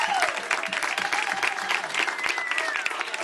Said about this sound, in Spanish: aplauso fuerte para el señor